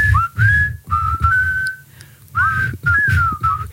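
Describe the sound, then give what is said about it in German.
Several members of a radio morning team whistle a melody together, bright sliding notes in short phrases with brief pauses, fairly loud, with a low rumble underneath and no speech. “Und gleich pfeifen wir im Tag zur.”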